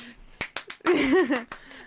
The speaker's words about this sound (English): Clap if you care.